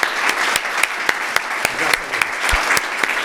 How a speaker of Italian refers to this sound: Bravo, applauso a tutti voi.